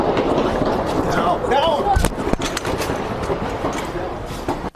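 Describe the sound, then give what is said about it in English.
Several sharp gunshots ring out in quick succession near the White House, where a man opened fire and Secret Service agents shot him, heard while ABC News correspondent Selena Wang was filming a social media video, over a dense, noisy outdoor background with indistinct voices and bustle. “ABC News correspondent Selena Wang was filming a social media video when she heard a volley of gunshots.”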